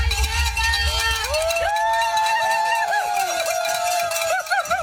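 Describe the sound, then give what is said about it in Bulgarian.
A crowd of spectators cheers and claps steadily late at night as a Bulgarian mountain runner finishes a 500-kilometre race under the finish arch, with bright ringing tones sliding up and down over the noise and a low rumble at the start. “Записа ги късно с нощи под аплодисментите на публиката, весел и дори с подскок под финалната арка.”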